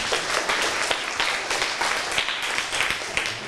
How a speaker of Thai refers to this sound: ขอเสียงปรบมือให้เพื่อนด้วยครับ